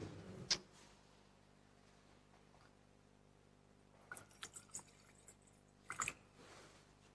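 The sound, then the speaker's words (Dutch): Water trickles briefly into wine in a metal chalice, a few soft, reverberant splashes and drips amid quiet, preceded by a single clink near the start. “Water en wijn worden één gedeeld, ons menselijk bestaan, en neemt ons op in uw goddelijk leven.”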